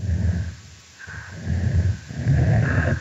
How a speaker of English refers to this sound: Here we hear an adult female snapping turtle engaging in a chuffing vocalization, and it's punctuated by a different call type, which we call a growl.